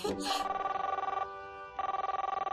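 A telephone ringback tone purrs steadily through an earpiece as a father phones the child's mother. It is a warbling pulsed ring that pauses briefly and then resumes, preceded by a short burst of sound at the start.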